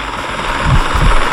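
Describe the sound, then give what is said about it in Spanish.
A steady mechanical roar with low, rhythmic thumping, like helicopter rotors, sounding fairly loud, with no voices. “Un helicóptero.”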